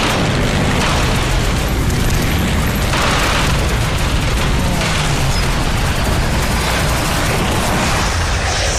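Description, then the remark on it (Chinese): An enemy Japanese plane crashes and explodes: a loud, continuous roaring rumble with heavy low booms and swelling bursts of noise, sustained for the whole stretch with no voices. “小鬼子的飞机掉下去了。”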